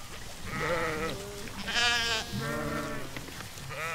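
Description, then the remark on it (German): Several sheep crowding around a water trough bleat in overlapping, wavering calls, one higher and louder cry rising in the middle over a steady murmur of the flock. No one speaks. “Und so kommen sie alle zum Bottich und drängen sich um das Wasser.”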